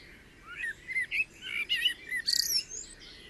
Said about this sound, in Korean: 라 고메라의 숲 심장부는 새들의 힘찬 노랫소리에 맞춰 고동치고 있습니다.